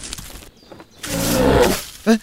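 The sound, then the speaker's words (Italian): A lynx calls on a mountain: a loud, raspy snarling growl lasting about a second, then a short, sharper yowl right after, against a quiet outdoor background. “Hai sentito questo verso? Sì, è una lince, riconosco i richiami!”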